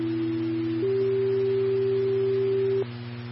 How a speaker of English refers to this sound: Airfare 1, these are tones for traffic accident, single vehicle rollover, possibly have a child involved as well. That's the 136 on 550, again, Airfare 1.